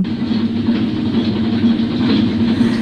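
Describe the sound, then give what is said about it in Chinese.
A washing machine on its spin cycle gives off a steady, loud mechanical drone: a constant low hum layered with rushing, whooshing noise, unbroken throughout, with no voices. “答案就是洗衣机，他在洗衣，在旋转的一个声音哦。”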